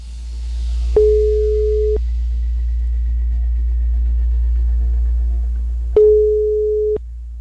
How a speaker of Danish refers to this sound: Vi ringer i hvert fald lige op til en, som har tilmeldt sig konkurrencen. Og lad os lige prøve at høre, hvordan det går her.